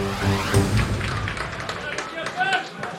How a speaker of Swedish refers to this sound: Spontana små applåder på Strandvallen där det spelas allsvensk fotboll. Hemmalaget, regerande svenska mästarna Mjällby som tar emot Degerfors 0-0 efter 17 spelande minuter.